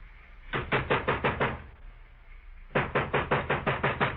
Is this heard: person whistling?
no